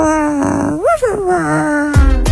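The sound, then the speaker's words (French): Someone on the Chéri FM radio show imitates a growling dog: a rough, throaty vocal growl that bends up and down in pitch, ending with two abrupt, harsh bursts. “Qui a tourné en chien, en chiot.”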